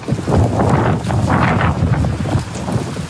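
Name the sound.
strong gusts of wind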